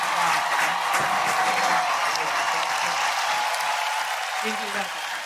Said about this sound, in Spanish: Los aplausos bien fuertes.